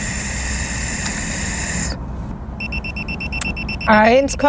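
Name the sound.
breathalyzer alarm going off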